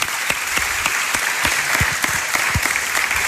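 Steady applause from a studio audience at a radio show, dense overlapping claps at a constant, fairly loud level with no one speaking over it, given for a guest who shared her story.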